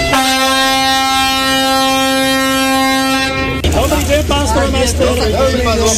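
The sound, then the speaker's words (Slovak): A loud, sustained horn of a series 810 motor railcar departing from Prievidza on its driver's final run blasts steadily for about three and a half seconds, then cuts off as a voice starts speaking over rumbling engine noise. “Na svoju poslednú jazdu vyrážal z Prievidze.”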